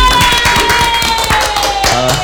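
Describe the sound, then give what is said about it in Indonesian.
A burst of hand clapping from several people, quick and irregular, fills the whole moment, with a faint steady tone humming in the background. “Ih, tepuk tangan dong harus.”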